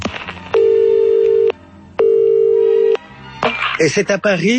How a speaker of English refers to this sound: And that's when he gets an interesting phone call.